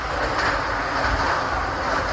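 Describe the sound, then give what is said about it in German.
A steady, loud rumble of a subway train running along the rails through Hamburg, heard in a video installation, with a continuous mechanical roar and faint rattling throughout and no voices. “Eine bonbonfarbene U-Bahn-Fahrt durch Hamburg.”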